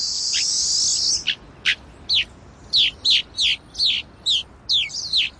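A rosy finch gives a rapid series of short, high chirping calls, roughly evenly spaced, preceded by a brief sustained buzzy note, with no voices present.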